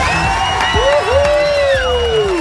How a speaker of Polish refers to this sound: Uwaga, tu stoi tłum ludzi z tyłu. Patrz, posłuchaj, jak oni wiwatują na twoją cześć.